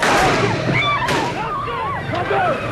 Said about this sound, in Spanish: Ese era el momento del tiroteo en la misma plaza de San Pedro mientras saludaba a los fieles.